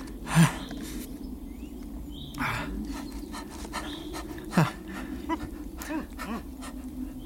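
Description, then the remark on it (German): A hunting dog named Weidmann pants and whimpers during a stag hunt, breaking into a few short barks spaced a couple of seconds apart, with no people talking. “Lass gut sein, Weidmann. Der Hirsch ist weg.”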